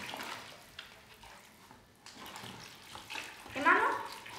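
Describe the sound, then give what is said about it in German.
Water pours into a container to mix a new batch of plaster: a steady splashing rush that builds louder toward the end, with a few faint knocks early on. “So, jetzt müssen wir noch einmal neue Gips anrühren. Hier, Wasser.”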